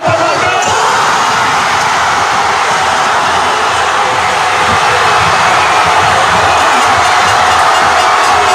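A massive crowd of fans in Spain erupts in cheering for Ferran Torres's goal for the Spanish national football team in the 106th minute, a loud, dense roar of shouting voices that holds steady without letting up for several seconds.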